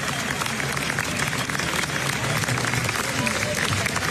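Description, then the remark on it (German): Sustained audience applause, a standing ovation at a film festival: a dense, steady wash of many hands clapping at even loudness throughout, with a faint murmur of crowd voices underneath. “Wenn der Applaus nur noch ein paar Minuten länger dauert, dann kommt die FIFA und führt in der Mitte eine Trinkpause ein.”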